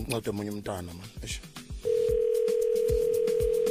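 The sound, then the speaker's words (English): A person talks, then a steady, loud telephone ringing tone starts and holds unbroken to the end while the voice keeps going over it, on an outgoing call to the head of communications at the Department of Home Affairs. “Your call has been forwarded to voicemail.”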